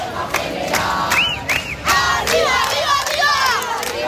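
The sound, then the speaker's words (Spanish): A large crowd of striking teachers protests in the Puerta del Sol, shouting and chanting in a continuous, loud roar, with a few sharp whistle blasts piercing through and individual voices rising above the din. “Este es el sonido que se está viviendo desde primera hora en la Puerta del Sol”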